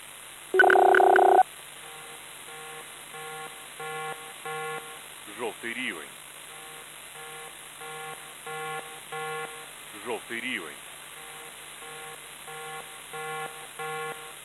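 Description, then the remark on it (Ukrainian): An air raid alert in the Poltava and Kremenchuk districts of Ukraine: a loud electronic alert tone sounds at the start, followed by a steady series of softer, evenly spaced beeps that repeat throughout, broken twice by brief warbling sweeps. “Громадяни, повітряна тривога, повітряна тривога.”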